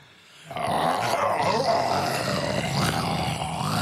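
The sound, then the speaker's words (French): A person imitates a lion's roar, a loud, sustained, rough growling voice that starts abruptly and holds steady for several seconds. “C'est un peu le lion, ça, non?”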